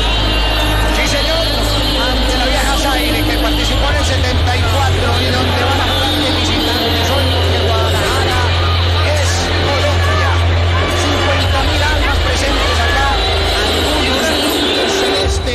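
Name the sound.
stadium crowd shouting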